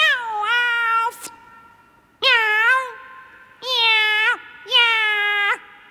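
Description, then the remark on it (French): A cat meows angrily four times in a row, loud drawn-out wails with a harsh, strained tone and short pauses between them. No talking can be heard. “Là, on ne sent pas assez ta colère. Tu ne mets pas assez de force.”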